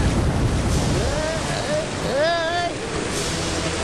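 Steady, rushing sea waves and wind noise surround a boat, fairly loud throughout, with a couple of brief wavering vocal calls rising over the surf in the middle.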